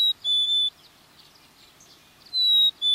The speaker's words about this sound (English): A black-capped chickadee.